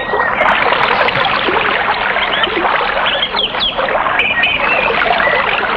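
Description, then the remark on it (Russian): A heavy downpour roars steadily and loudly throughout, a dense wash of rain noise with a few faint chirps rising above it. “И тогда начался страшный ливень.”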